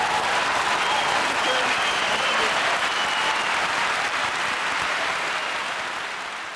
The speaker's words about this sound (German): Begeisterter Applaus für Konrad Beikircher, damals bei der Aufnahme dieses Auftritts in Aachen im Jahr 1993